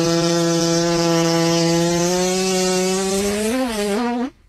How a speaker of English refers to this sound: May I please get a cat fart